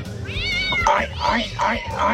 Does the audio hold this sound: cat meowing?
yes